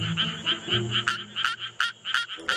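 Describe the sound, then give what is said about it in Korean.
A tree frog, sitting, calls in a rapid series of bright, rasping pulses, repeated steadily and loudly, over a faint low background hum with no voices. “보통 예, 청개구리가 예. 논뚝 아니면 논뚝 근처에서 앉아서 저렇게 노래를 해요.”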